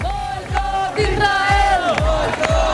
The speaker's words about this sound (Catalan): Moltes banderes palestines, també de catalanes, i crits contra Israel.